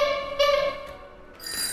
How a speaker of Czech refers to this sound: Takže takovýchto interaktivních prvků mechanických, tak těch je tady asi 30. Každý z těchto zvuků, zvonků má svůj unikátní zvuk. Teď si ho můžete poslechnout.